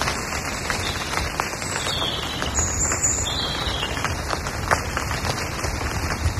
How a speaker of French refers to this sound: Une pluie, la pluie en forêt, tu vois.